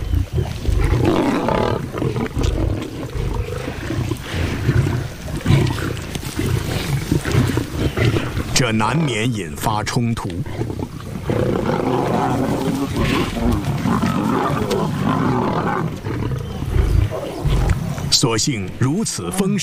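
Several lions snarl, growl and roar over one another in a fierce, continuous scuffle as each fights for its own share of a zebra they hunted together, with loud, rough, low-pitched bursts that barely pause for about twenty seconds.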